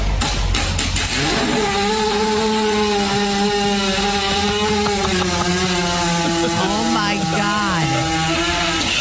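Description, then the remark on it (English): A horse lying down while a woman kneads its belly passes gas in one long, loud, buzzing blast lasting several seconds, its low droning pitch holding steady before wobbling and dipping toward the end. “They can't burp or vomit, but listen to what they can do.”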